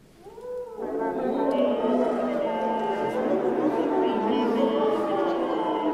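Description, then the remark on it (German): Brass players sing into their instruments, producing overlapping sustained, buzzy tones that swell in after a soft sliding opening and hold at a steady, loud level, with an eerie howling quality. “Oder manchmal wollen die Komponisten und Komponistinnen auch, dass die Blechbläser in ihre Instrumente reinsingen.”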